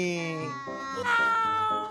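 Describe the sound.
A voice imitates a cat's meow: a drawn-out, tonal mew with a gliding pitch, followed by a brighter, higher second call, fairly loud and filling about two seconds.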